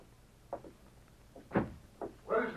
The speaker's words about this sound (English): Just the door, it's broken. The wind blew it open.